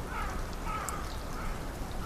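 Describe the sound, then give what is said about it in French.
Faint crows cawing a couple of times over a steady wash of running water from a current, with no voices present. “Les corbeaux.”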